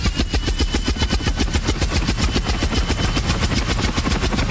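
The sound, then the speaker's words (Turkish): An airplane engine runs loud, a continuous throbbing roar with rapid, evenly spaced pulses throughout and no voices. “Yoksa uçağın bu mu ha?”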